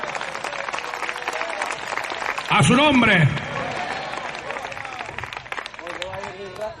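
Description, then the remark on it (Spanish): An audience at a church service applauds the Lord steadily for several seconds, a dense wash of many hands clapping, with a loud voice briefly shouting over it and speech heard beneath the clapping. “Denle un aplauso fuerte al Señor en esta hora.”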